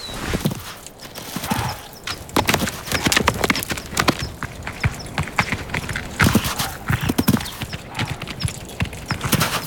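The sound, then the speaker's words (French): A chamois, carrying a human on its back, clatters its hooves over rocks on a thin, very steep ledge in a quick, uneven run of sharp, bright knocks and scrapes, fairly loud, with brief pauses between bursts of steps and no voices. “Franchir quelques rochers sur une fine corniche, même avec un humain sur le dos, ne m'arrêtera pas.”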